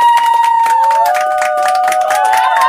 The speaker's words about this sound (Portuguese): Então, bora lá. Aplausos para a nossa convidada de hoje,